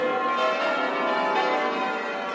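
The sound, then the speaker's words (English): Church bells peal continuously from the tower of St Mary's Episcopal Cathedral in Edinburgh, Scotland, a dense wash of overlapping metallic tones ringing loud and steady throughout, with no voices. “It's a tremendous sound that we're lucky we're close to St Mary's and we tend to hear it from the inside”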